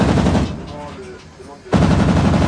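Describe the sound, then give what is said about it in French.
Loud, rapid bursts of heavy automatic gunfire from a warship's 100 mm cannon, 20 mm cannon and rear machine gun during firing training at balloons simulating fast incoming aircraft, in two dense stretches separated by a brief quieter lull with faint tonal sounds, before firing resumes abruptly. “Donc, on va tirer avec le canon de 100 mm, le canon de 20 mm et la mitrailleuse arrière sur des ballons qui simulent des aéronefs qui nous arrivent dessus à grande vitesse.”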